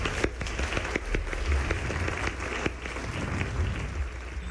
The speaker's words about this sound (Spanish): ¡Fuerte aplauso a nuestra orquesta!